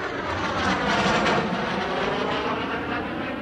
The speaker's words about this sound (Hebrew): באיזה שיר יש מטוס בהתחלה שהוא ממש ישראלי?